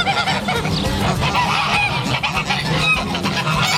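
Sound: farm poultry calling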